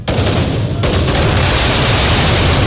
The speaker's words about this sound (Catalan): L'esclat de la pólvora ens ha servit per anunciar la festa, per donar importància a determinats moments de la festa.